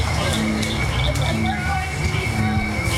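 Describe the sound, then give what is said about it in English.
A dense chorus of frogs calls at night during a frog walk along a path lit by headlamps, with cricket frogs, bullfrogs and bird-voiced tree frogs giving overlapping trills, croaks and high chirps in a steady, layered wall of sound that continues throughout without pause. “As the sky turns dark and the barely worn path is lit up by headlamps, more and more frogs start to sing.”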